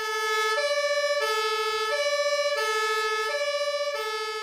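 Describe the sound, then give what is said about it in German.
The two-tone sirens of four fire engines, including a turntable ladder, setting off to a small fire wail loudly and steadily, alternating between a high and a low pitch about every half second, with no voices. “Und jetzt gehen die Feuerwehrleute los im Auto und fahren zum Einsatz.”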